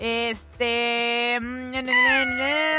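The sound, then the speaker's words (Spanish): Kittens meowing loudly in long, drawn-out cries, nearly continuous with only brief breaks, the calls overlapping toward the end. “terminación 3634, mandó unos gatitos y dice, bonito día”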